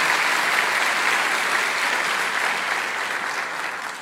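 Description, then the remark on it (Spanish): A large crowd from the Iglesia Cristiana Filadelfia in Bogotá, Colombia, claps steadily for about four seconds in welcome, a dense, even wash of many hands that stays loud throughout and eases off only slightly at the end. No one speaks. “La Iglesia Cristiana Filadelfia les envía un caluroso abrazo y un aplauso bien grande a todos ustedes de bienvenida.”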